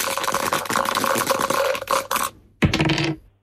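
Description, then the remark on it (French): Dice rattle and clatter continuously for about two seconds, then after a brief pause land with a sharp clack and tumble briefly before settling; a pair of dice rolled in a board game, coming up six and six. Fairly loud, with no talking. “Et donc là, vous allez avoir le plaisir de relancer les dés, de me redire top.”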